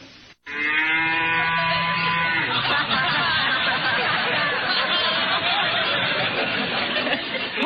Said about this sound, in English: Pop, it's only a cow.